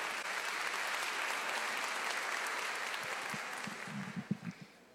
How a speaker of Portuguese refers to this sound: A bispa tem uma palavra pessoal para a igreja. Vamos recebê-la com amor e carinho, com um lindo aplauso.